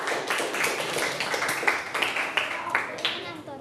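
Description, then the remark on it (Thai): A class applauds group 4 as they come out to present, steadily for a few seconds, a dense patter of many hands clapping with some sharper individual claps standing out, fairly loud and continuous throughout. “ขอเชิญกลุ่มที่4ออกมาก่อนได้เลยครับตัวแทนมาสัก2คนก็ได้ลูกมาเชิญเลยขอเสียงปรบมือให้กลุ่มที่4ด้วยนะครับ”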